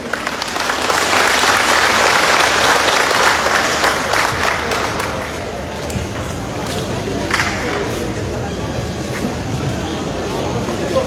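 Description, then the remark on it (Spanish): A crowd applauds loudly and steadily to welcome Evo Morales Ayma at the swearing-in of the new board of the Federation of Intercultural Communities of Chimoré, a dense wash of clapping that eases slightly midway and carries on to the end, with faint voices mixed in. “Y lo recibimos con fuertes aplausos, hermanos.”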